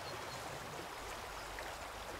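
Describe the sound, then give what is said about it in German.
A babbling forest stream beside the path that runs through the woods to Himmerod Abbey (Kloster Himmeroth), its water rushing and gurgling in a steady, unbroken wash of sound with no voices, holding an even level throughout. “Am Bach entlang führt der Weg durch den Wald bis zum Kloster Himmeroth,”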